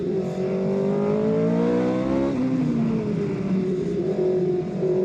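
A car without power steering is driven, its engine droning steadily, pitch climbing through the gears, dropping sharply at a shift, then rising again as it revs. The engine is loud, with no voices.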